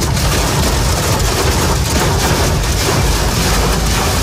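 A dense, continuous roar of hailstones pelting a motorist's car windshield on the Lyon ring road (périphérique lyonnais) during a morning storm in the Lyon region, France, loud and steady with a heavy low rumble and crackling impacts throughout, no voices.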